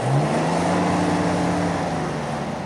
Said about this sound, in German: Mit unserem Geländewagen donnern wir über die schnurgerade, aber wellige rote Piste.